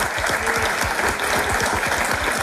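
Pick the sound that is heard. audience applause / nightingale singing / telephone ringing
audience applause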